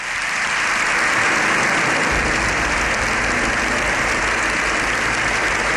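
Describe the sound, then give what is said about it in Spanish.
Loud, sustained applause from deputies and senators standing in a parliamentary chamber after a 30-minute speech, an ovation lasting about seven minutes. A dense, unbroken wash of clapping fills the whole stretch, swelling slightly and gaining a low rumble partway through, with no voices standing out. “El aplauso de los diputados y senadores se ha extendido unos 7 minutos.”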